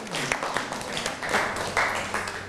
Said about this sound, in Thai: นั่งลงได้ครับปรบมือให้กับเพื่อนหน่อยครับ